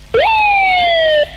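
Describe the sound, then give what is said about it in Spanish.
A toy duck ("pato") is sounded once: a loud, drawn-out whistly tone that jumps up, then slides slowly downward for about a second before cutting off, with no talking over it. “Mira, yo también tengo un pato, mira.”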